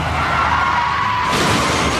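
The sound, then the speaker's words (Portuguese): A car rolls over and crashes: a steady roar with a faint screech gives way to a louder burst of crunching, grinding metal noise that fills the final second, loud. “Chefe está capotando.”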